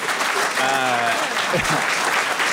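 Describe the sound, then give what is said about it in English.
Steady hand clapping by Munira Wilson fills the whole moment, a dense, continuous patter, while a voice briefly speaks over it partway through. “Munira Wilson is clapping, by the way. I think she wants that on record.”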